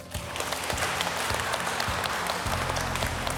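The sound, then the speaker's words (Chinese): An audience at a designer-toy creators' event applauds steadily, a dense wash of many hands clapping at once that stays loud and even for a few seconds, with no talking over it. “走吧！掌声，各位。”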